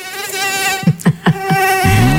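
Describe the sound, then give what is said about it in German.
A high, thin mosquito whine drones steadily throughout, loud, with a few brief low thumps partway through and a shift in tone near the end. “Um gleich 20 vor 7 gehen wir rein mit dem nervigsten Geräusch der Welt.”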